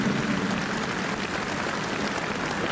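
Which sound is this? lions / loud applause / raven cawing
loud applause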